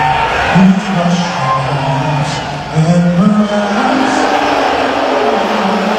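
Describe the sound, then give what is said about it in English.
A large arena crowd at an NBA Finals game in Madison Square Garden boos loudly and steadily as President Donald Trump is shown on the Jumbotron during the anthem, a low droning roar of many voices with long sustained tones that swell and dip over several seconds. “There were loud boos from the crowd when he was shown on the Jumbotron during the anthem at Madison Square Garden.”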